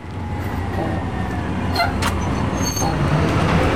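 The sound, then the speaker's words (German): A bus pulls away with a deep, steady engine drone and road noise, joined by a few brief high-pitched squeaks and hisses over about four seconds. “Scheiße, schon wieder Bus verpasst.”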